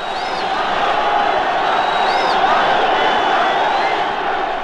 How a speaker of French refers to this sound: Je me trouve au milieu d'une foule de moins de 20 ans dont vous entendez les cris et les trépignements.